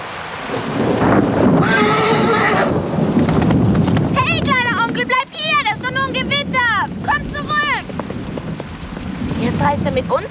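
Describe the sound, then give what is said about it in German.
A horse whinnies loudly with rising and falling harmonic calls, mixed with clip-clopping hooves as it gallops away, over steady rain and a low rumble of thunder. “Ohne Pferd werden wir nicht weit kommen.”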